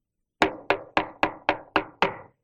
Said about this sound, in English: A precious old soul who used to love us and send us gifts. And I decided to knock on her door one day.